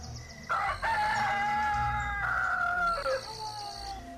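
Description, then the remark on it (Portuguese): A rooster crows once, a loud, drawn-out cock-a-doodle-doo with strained harmonic tones that rise and then trail off, over faint low background noise. “Só o galo parecia diferente e por vezes confundia as penas dele com os raios de sol.”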